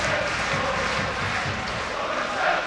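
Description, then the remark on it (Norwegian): Lillestrøm football fans roar and cheer steadily for a few seconds during a match against Egnatia, a dense wall of massed voices with no break, swelling slightly louder near the end. “Jeg håper dere kan fornemme litt av Lillestrøms jublende fans.”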